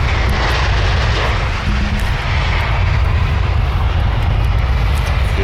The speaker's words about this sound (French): Là, on s'arrête parce qu'il y a un avion qui atterrit, un charter.